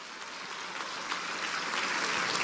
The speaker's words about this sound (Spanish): Aleluya. Un aplauso al Señor.